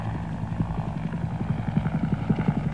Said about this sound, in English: Hueys over there. Lots of Hueys.